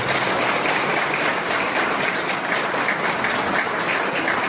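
Sustained applause from a crowd for their parliamentary deputies, a dense, steady wash of many hands clapping at an even loudness for several seconds with no voices standing out.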